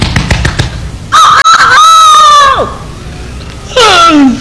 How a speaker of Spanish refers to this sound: De pronto, en la granja, que estaba muy cerca del bosque, se escuchó el vibrante canto del señor gallo.